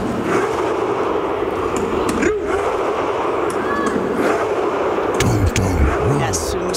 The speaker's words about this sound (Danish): Det er jo spillerne selv, der sidder inde på banen også og råber og trummer og roer med. Ja. Hele stadion, der jo lyder som en vikinge her.